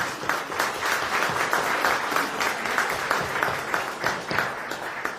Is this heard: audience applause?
yes